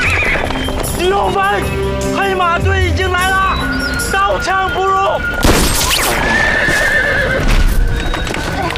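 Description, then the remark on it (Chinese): Several horses of an arriving black-horse cavalry troop whinny and neigh loudly in repeated wavering calls while hooves clop steadily underneath, with a burst of clatter and commotion midway as the troop presses in. “黑马队已经来了，刀枪不入。”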